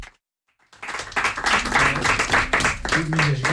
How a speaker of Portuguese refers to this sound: Uma salva de palmas